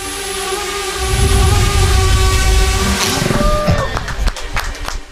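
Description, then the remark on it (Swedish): A laser weapon developed by the Finnish-American startup Tordynamics shoots down a drone: a steady, multi-toned buzzing whine over low rumble wavers and cuts off after about three seconds, followed by scattered sharp crackles and pops. “Så här låter det när det finsk-amerikanska startup-företaget Tordynamics skjuter ner en drönare med ett laservapen.”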